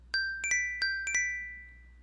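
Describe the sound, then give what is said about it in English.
A soft, gentle alarm ringtone called "Cosmic" plays six bright chiming notes in a loose, uneven pattern, each ringing out and fading slowly, with no voices. “What's up with all these weak A sounds.”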